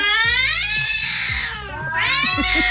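Several cats meow in a drawn-out, tuneful way as if singing, their wavering cries rising and falling close by over a steady low backing, with no talking.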